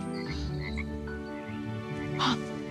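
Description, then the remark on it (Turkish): A frog in a dirty, algae-covered pool croaks repeatedly in a steady, rasping chorus, moderately loud, with a brief sharper burst near the end and no talking over it. “Ay kurbağa var.”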